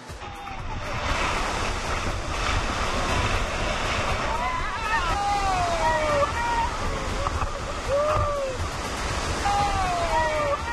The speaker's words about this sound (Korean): 가파른 물길을 타고 내려온 강물은 바위에 부딪힐 때마다 거친 급류로 변합니다.